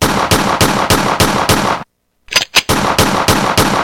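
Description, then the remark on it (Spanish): Loud, rapid gunfire from a .45 cracks in a steady rhythm of about four shots a second, breaking off into a short silence, then a few scattered shots before the rapid volley resumes. No voices. “Y se oigan los plomazos, a ver si es cierto, pues, papi.”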